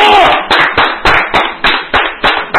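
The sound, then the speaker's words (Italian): Applause in a steady, rhythmic beat: about nine sharp, loud claps roughly three per second, with a brief voice at the start. “Un applauso all'altro.”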